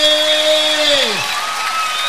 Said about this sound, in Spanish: ¡Aplausos bien fuertes!